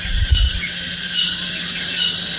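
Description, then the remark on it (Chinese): A steady, shrill high-pitched ringing like cicadas droning, a simulated tinnitus tone played to let an audience hear ear ringing, holds unbroken throughout, with a brief low rumble at the start and no speech. “哦，这个就是蝉鸣。”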